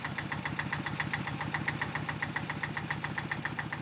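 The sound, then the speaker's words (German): A tractor engine idles steadily on an island, a low rhythmic chugging with regular knocking pulses and no pauses throughout, while its load of fruit crates is moved onto a boat. “Vom Trecker geht die Ladung erst aufs Boot und wird später nochmal umgepackt ins Auto.”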